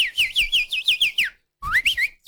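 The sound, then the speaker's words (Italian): A person whistles an imitation of goldfinch song: quick, bright warbling notes in a rapid swooping run, a brief pause, then another burst of twittering phrases. “Ma senti che è un uccellino, guarda, veramente è un cardellino. Sì, c'è un uccello in bocca, infatti.”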